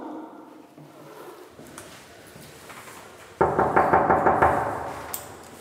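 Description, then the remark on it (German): A quick series of about seven firm, loud knocks on an apartment door in a steady rhythm after a few seconds of quiet indoor background, with one faint final tap. A bailiff is knocking to collect a debt of 200 euros. “Sind Sie so gut und mach mal auf.”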